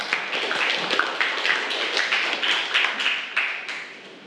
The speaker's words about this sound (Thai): ถูกต้องปรบมือให้เพื่อนหน่อยค่ะ